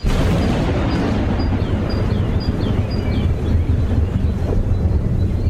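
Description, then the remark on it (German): A deep, rolling rumble of thunder echoing across a bay fills the whole stretch, loud and unbroken, with a roaring wind-like wash over it and faint high chirps flickering in the background. “Ein Donner hallte von der anderen Seite der Bucht zu uns.”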